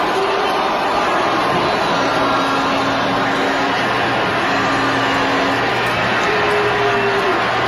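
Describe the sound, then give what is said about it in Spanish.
A large crowd boos a state governor loudly and without pause at a report event of President Sheinbaum, a dense, steady roar of many voices filling the whole stretch, with a few thin sustained tones faintly threaded through it. “Ahí la están abuchando. La están abuchando. Es un abucheo grande, ¿eh?”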